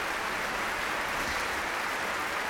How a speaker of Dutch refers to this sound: Nou, het applaus ging nog wel even door.